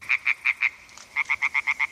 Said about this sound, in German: Quakende Frösche und rufende Fledermäuse. Wir sind an einem Weiher in Oberbayern. Eine Aufnahme des Klangkünstlers Joshua Bonetta.